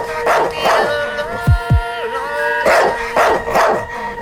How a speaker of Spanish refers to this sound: unos ladridos para ese perro rolón, por favor.